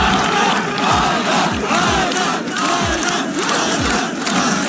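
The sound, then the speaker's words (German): A large crowd of spectators chants a runner's name together in loud, rhythmic unison as he crosses the finish line of a 600-kilometre run, the repeated syllables rising over a dense roar of voices that fills the whole space. “Und alle Zuschauer haben seinen Namen im Chor gerufen.”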